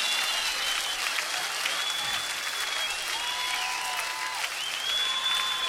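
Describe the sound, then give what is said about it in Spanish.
A large live audience claps steadily and continuously along with the music at a show being recorded live, a dense wash of hand claps with a few thin whistle-like tones sliding over the top. “Todos arriba, en vivo, con esas palmas que se escuchen, porque se está grabando en vivo, está llegando a todo el país.”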